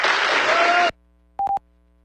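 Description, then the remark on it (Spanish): A loud burst of audience applause, congratulating the Zapasma water utility on its prize for best municipal drinking-water practices, fills the first second, then cuts off abruptly, followed by two short electronic beeps after a brief silence. “Felicidades y aplauso,”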